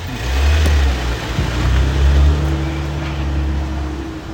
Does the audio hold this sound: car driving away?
yes